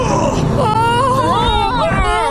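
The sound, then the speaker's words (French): An elephant trumpets: a loud, brassy blare that wavers and slides in pitch for about two seconds, rising slightly toward the end, with no talking over it. “Si je ne me trompe, c'est un éléphant.”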